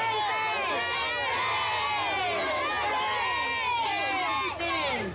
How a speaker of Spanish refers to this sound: Mire, la población grita aquí inocente, ¿va? ¡Inocente!